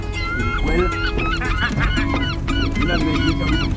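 A loud, busy flock of seagulls calling over one another, with harsh, honking cries overlapping continuously, and no one speaking.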